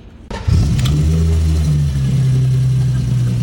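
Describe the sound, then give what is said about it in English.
A car engine cranks and catches with a sudden burst, then settles into a loud, steady low rumble as it idles. “We're talking about the startup of the car, when the car starts.”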